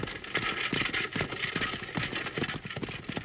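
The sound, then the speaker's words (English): A rapid, pounding clatter of runaway horses' galloping hooves drives on steadily over a dense rumbling roar, loud, with no voices heard. “These horses are running away!”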